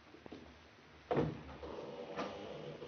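A patio door slides open with a rough, scraping rush, followed a moment later by a second softer swish of movement, with no one speaking.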